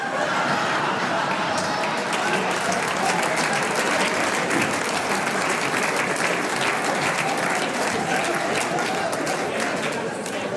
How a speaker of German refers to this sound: Jetzt haben nur die Raucher geklatscht, gell?